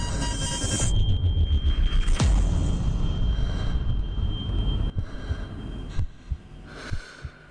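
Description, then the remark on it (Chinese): A heavy, droning engine rumble of a stalling aircraft, a Chujiao-5 on a 1954 test flight in Beijing, with a thin whine above it, broken by a few sharp knocks and sputters as it falters toward the end. No one speaks. “没得没得没得，呼叫地面，飞机失速了。”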